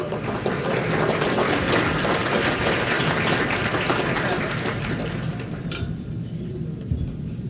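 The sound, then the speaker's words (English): An audience at an Akron Roundtable gathering claps to welcome a speaker, a steady, dense wash of applause for about six seconds, then the clapping cuts off and fades to a low murmur. “Let's receive her with a round of applause.”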